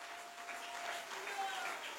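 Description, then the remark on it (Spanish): An audience applauding the Lord: dense, steady clapping that fills the whole two seconds at an even loudness, with faint sustained voices or tones running underneath. “Dale fuerte ese aplauso al Señor en esta hora.”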